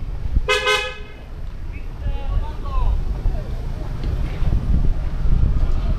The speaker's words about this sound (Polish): Trąbią samochody.